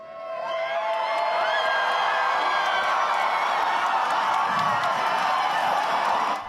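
Hundreds of people at a Eurovision Song Contest live-broadcast viewing party in a hall in Hurstville, southern Sydney, early Sunday morning, cheer, whoop and applaud continuously as Australia's entrant finishes her final performance. The result is a dense roar of many voices and clapping that holds steady for several seconds before cutting off.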